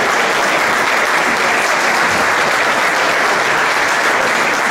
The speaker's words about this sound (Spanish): Así que voy a llamar aquí al escenario para que suba con nosotros a cortar la cinta a Ignacio Enciso, CEO de Astara. Un aplauso.